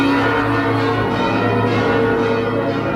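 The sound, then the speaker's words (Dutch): The bells of the Martinitoren church tower in Groningen, Netherlands, ring loudly and continuously in the morning for the Groningens Ontzet commemoration, their deep tones and rich overlapping harmonics blending into a sustained, resonant clangour with no voices present. “Maar Groningen hield stand en daarom werden ook vanmorgen de klokken van de Martinitoren geluid.”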